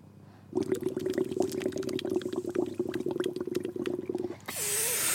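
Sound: water bubbling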